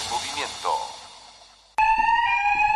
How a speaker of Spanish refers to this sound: ¿Un sistema de alarma para cuidar tu sorgo?